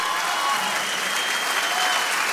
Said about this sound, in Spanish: Fuerte aplauso para ellos dos.